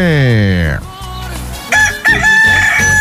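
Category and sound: bird, rooster crowing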